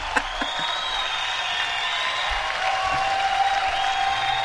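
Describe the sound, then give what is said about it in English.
A round of applause from a group welcoming a guest, dense steady clapping that holds for several seconds at a moderate level, with faint whistle-like tones running through it. “We'll give you a big round of applause.”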